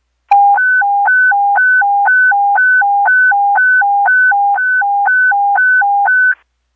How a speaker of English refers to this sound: Sherwood Fire Station 3, standby for a fire alarm page.